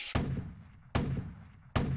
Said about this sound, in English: What would Daddy make this time? It's a cannon. 3, 2, 1, 0.